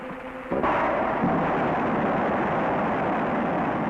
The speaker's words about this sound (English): Here at the Rocketdyne Propulsion Laboratory, in a blast-scarred valley of the Santa Susana Mountains, parts of the engine which will power Americans on their first voyage to the moon are about to be test-fired. Ignition start.